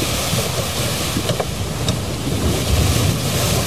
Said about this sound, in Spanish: estaban navegando cuando se desató una tormenta tan fuerte que las olas se metían en la barca.